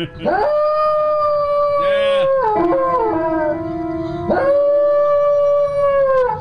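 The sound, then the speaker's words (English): A dog howls loudly and continuously in long, wavering, tonal notes that rise and fall like singing, with brief breaks between phrases. “With special guest, a singing dog.”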